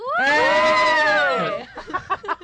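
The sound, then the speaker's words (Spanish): A person lets out a single loud, sustained high-pitched scream lasting over a second, then it breaks into a few short, choppy vocal bursts. “Tu grito estuvo maravilloso.”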